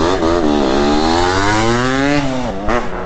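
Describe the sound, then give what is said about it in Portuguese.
A motorcycle fitted with a noisy, raspy exhaust revs up, its pitch climbing steadily and then dropping before a final quick blip of the throttle. “Tem um amigo meu que colocou esse cabarulhento na moto.”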